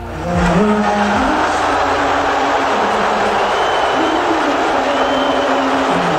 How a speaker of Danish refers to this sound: Jeg tænker, der skal lidt til, hvis man begynder at bue ind over nationalsang der. Det er ligesom det, der sker her.